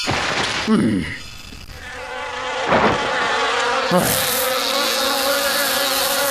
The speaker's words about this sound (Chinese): 臭蚊子，别乱飞！我可以来赌抓蚊子呀！